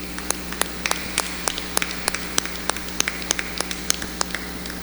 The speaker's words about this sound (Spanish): Démosle un aplauso a estas personas.